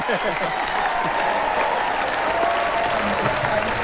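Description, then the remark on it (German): A large crowd cheers and applauds loudly and steadily, a dense roar of clapping with shouts and voices mixed in throughout. “Jetzt gerade riesen Jubel gerade noch, ja.”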